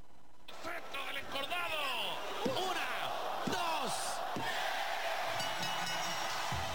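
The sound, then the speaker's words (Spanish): A loud, dense crowd in a Mexican lucha libre wrestling arena roars continuously as the count stops, with excited shouts, whistles and applause rising and falling, while a few heavy thuds and smacks like bodies hitting a mat punch through the din. “La cuenta se detiene y la arena explota en aplausos.”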